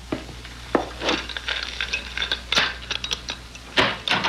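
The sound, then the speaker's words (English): A door being opened: a few sharp clicks of a latch and handle, with light rattling and scraping in between, fairly quiet throughout and with no voices. “Open the door for him.”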